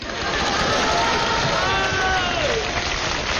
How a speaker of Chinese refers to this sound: 这么多年连一针都认不上，说不带你玩还不听，太废物了，对得起大伙儿这么热烈的掌声吗？